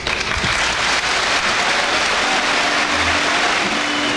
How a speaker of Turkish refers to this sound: Süleyman Seba'nın konuşmasının ardından üyeler kendisini ayakta alkışlarken bazıları gözyaşlarını tutamadı.